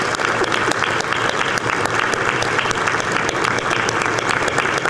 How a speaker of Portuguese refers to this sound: E eu quero muito aplauso para ela.